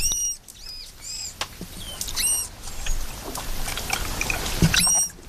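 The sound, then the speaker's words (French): Manatee calls: a handful of short, high-pitched squeaky chirps with a whistling, harmonic tone, coming at irregular intervals over a steady rushing underwater noise. No one speaks. “Oh mais, et puis il y a également le cri du lamantin.”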